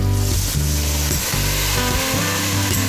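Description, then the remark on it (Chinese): Stewed pork ribs, put straight into the pan with dry starch, crackle and sizzle steadily in oil heated to about sixty percent as they deep-fry until the outside is crisp, a dense, continuous hiss with no voices, punctuated by a few brief bubbling pops. “直接是把咱们炖好的这个排骨呢下到一个6成热的油温里来炸制一下，炸制外皮呢非常的焦脆就可以了。”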